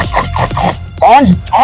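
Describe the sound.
A voice imitates how a woman called her piglet, starting with a quick series of raspy, breathy bursts and then two loud, drawn-out calls that slide downward in pitch.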